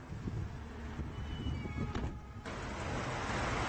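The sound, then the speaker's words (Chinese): A car drives steadily along a road, leaving a town for mountain villages, through open fields and narrow country roads. Its low engine and tyre rumble blend with broad wind and road noise throughout, with a brief brighter whoosh partway through and no talking. “汽车驶出城镇，驶入山村，苍茫的原野和逼仄的乡路交替出现，车窗外的景色越发荒凉。”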